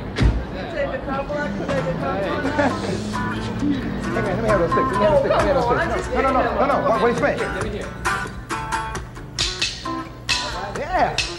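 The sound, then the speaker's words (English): A dense crowd of many overlapping voices chatters and shouts continuously, with some higher-pitched excited cries rising above the din, steady throughout. “The crowd is great, the people out there screaming, how is this happening, man?”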